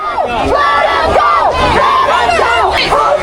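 crowd chanting and shouting

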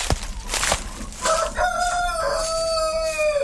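rooster crowing

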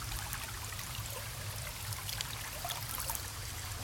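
river stream flowing

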